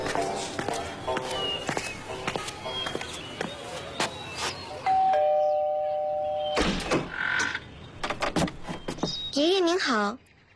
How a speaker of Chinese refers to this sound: 公园巷126号是一个神奇的地方，只要你去到那里，按响门铃，你就会开启一段奇妙的科学之旅。